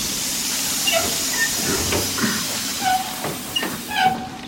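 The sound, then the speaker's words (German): A steam train hisses steadily and loudly, a broad rushing sound filling the scene, with scattered short metallic squeals and clanks rising above it. No one speaks. “Mit diesem Zug sollte das Gold nach Berlin gebracht werden.”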